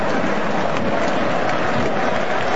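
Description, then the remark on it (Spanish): A stadium crowd applauds Norway's captain Odegaard as he is substituted off for Berg, handing the armband to Erling Haaland, a steady, dense wash of clapping and cheering that holds at an even loudness throughout with no break. “El capitán de Noruega sale aplaudido y deja el gafete en Erling Haaland.”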